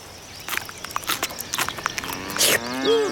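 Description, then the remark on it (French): Cows moo in an open outdoor setting, with a drawn-out low call rising toward the end over scattered rustling and soft crunching footsteps. “Les vaches”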